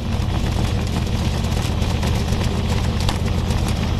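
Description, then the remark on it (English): A car exhaust rumbles loudly with a deep, sputtering, flatulent throb that holds steady for about four seconds, with no one talking over it. “It sounds like a whoopee cushion is attached to your car.”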